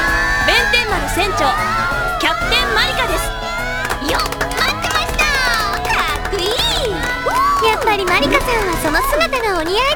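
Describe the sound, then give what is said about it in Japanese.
A crowd of high-pitched voices cheers and shouts excitedly, overlapping with scattered clapping that runs loud and steady throughout the whole stretch. “あの、もう拍手とかいいから。”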